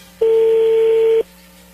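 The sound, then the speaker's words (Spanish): A single steady telephone tone, mid-pitched and fairly loud, holds for about a second as a call is placed, with a faint low hum underneath and no voices. “le va a llamar el lobo, no hagan ruido, ahí entró la llamada”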